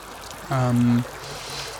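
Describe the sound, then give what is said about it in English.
Water sloshes and trickles steadily as people splash about in a river, while a short vocal sound, a held voiced tone, rises over it midway. “We're now in my time down the river. As you could hear us splooshing and splashing about.”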